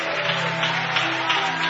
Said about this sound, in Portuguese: Se quiser aplaudir, vai aplaudir ao Senhor, aplauda.